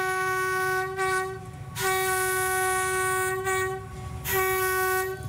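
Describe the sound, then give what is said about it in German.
A train horn blares in long, steady, loud blasts, rising and falling over the rumble of a moving train, with brief dips between sustained tones and no voices. The train is in Pyin Oo Lwin (Pien-Uvin), a market town on the Shan Plateau in northern Myanmar, where the railway keeps a repair workshop. “Die Bahn unterhält hier eine Reparaturwerkstatt für die maroden Züge.”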